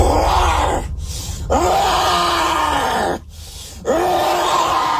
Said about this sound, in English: When it comes to hurling abuse and shouting profanities, he's only getting started, especially now, as he begins growling at officers while they decide what to do with his motorcycle.